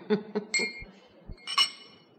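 Glasses clink together in a toast: a few bright, ringing chimes with short sustained tones, mixed with dull low knocks, and no one speaking.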